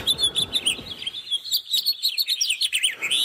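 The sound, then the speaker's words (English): House finches chirp in a lively, continuous stream of bright, warbling notes, moderately loud, at a walking area in Edmonton, with some low background rumble early on and no talking. “And the house finches are chirp here.”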